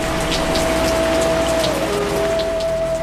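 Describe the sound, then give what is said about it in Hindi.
Heavy rain pours down steadily, a dense, continuous hiss with scattered drops pattering on a surface, loud throughout, with a faint steady hum underneath. No one speaks. “घनघोर वर्षा की भी चिंता नहीं।”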